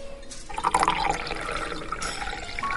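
A waiter pours mineral water steadily into an elegant, tall-stemmed glass of thin glass, a bubbly splashing whose pitch rises slightly as the glass fills, lasting a few seconds with no voices.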